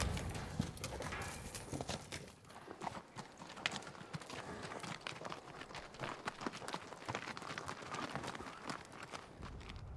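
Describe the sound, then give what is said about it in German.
Horses ridden by cowboys chasing fleeing cattle through a forest, their hooves clip-clopping in a fast, dense, overlapping patter that carries on steadily and loudly from start to finish, with no voices. “Nur auf Pferden kann man ihnen jetzt folgen.”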